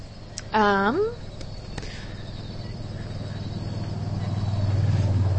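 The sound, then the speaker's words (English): A low, steady rumble of cars passing by in an urban swamp grows louder toward the end as a car approaches, with a brief rising, warbling call cutting in near the start. “Ooh, this is an urban swamp. We got cars coming by.”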